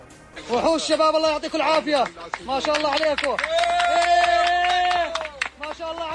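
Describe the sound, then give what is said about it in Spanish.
A crowd cheers and shouts in overlapping voices amid scattered clapping as a rescue team from Jordan pulls a 3-year-old boy alive from the ruins of a building in Los Corrales, La Guaira. Loud and excited throughout, with one long sustained yell rising above the rest midway. “Son los aplausos y los vítores que han vuelto a sonar durante al menos unos segundos cuando el equipo de rescatistas procedente de Jordania conseguía rescatarle con vida.”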